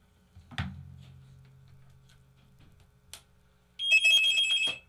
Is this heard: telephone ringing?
yes